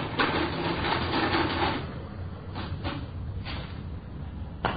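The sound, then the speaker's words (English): A mechanical adding machine clatters busily for about two seconds as the figures for money taken from a store are added up, then gives several sharp, separate clunks as they are totaled, ending with a final crank stroke. “I just finished adding it up. Just a minute. All right. I got the figures on the machine.”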